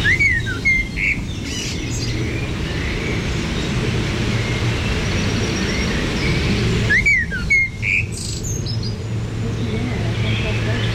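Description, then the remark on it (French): A Eurasian blackcap sings two short, bright warbling phrases several seconds apart, each a quick run of clear whistled notes, over a steady low rumble of traffic. “Il y avait la fauvette à tête noire là sur le côté.”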